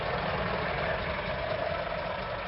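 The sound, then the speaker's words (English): Heavy truck engines rumble steadily on the long, winding truck route from Nairobi to Naivasha, Kenya, curving around the Great Rift Valley. A continuous low-frequency drone with a broad roar of traffic noise, no voices, holding constant throughout. “I'm on the Mahi Mahi Road, which is the long, winding truck route from Nairobi to Naivasha, that curves around the Great Rift Valley.”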